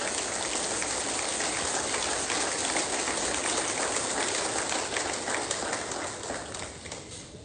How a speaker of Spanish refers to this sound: Suelte fuerte ese aplauso.